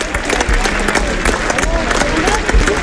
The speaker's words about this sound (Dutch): 1 minuut 43 galmt er in een applaus van alle supporters hier op het park.